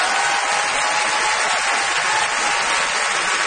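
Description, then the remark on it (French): An audience applauds steadily for a few seconds for the winner of a pair of show tickets, a dense, even wash of many hands clapping at constant loudness with no voices over it. “qu'on applaudit.”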